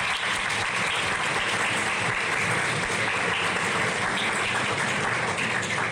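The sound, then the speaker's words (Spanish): Steady, loud applause from an audience for a team of athletes who won 10 medals at the Santa Fe 2026 South American Games, a dense wash of many hands clapping continuously for about six seconds with no one speaking over it. “Consiguieron 10 medallas, así que un aplauso para ellos.”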